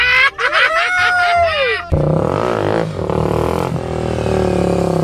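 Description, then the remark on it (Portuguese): A loud tire screech whines and bends in pitch for about two seconds as a vehicle drifts, turning right then left, then gives way to a rough, steady roar of a revving engine as the rear wheels slide out. “Abriu a porteira, entramos no autônomo já fazendo drift.”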